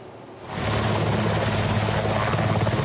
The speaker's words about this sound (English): Serbia deployed helicopters to battle wildfires for a second day as extreme heat and dry conditions continue to fan the flames across the country's north.